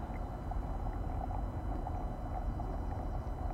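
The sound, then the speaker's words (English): A small boat is paddled along a river on London's waterways: a steady low wash of moving water with soft, faint splashes of strokes scattered through it, and no voices. “Our friends paddled river in search of a new home, each stroke carrying their precarity and uncertainty, and gradually revealing 43 unused wharves on a stretch of river seemingly without ownership.”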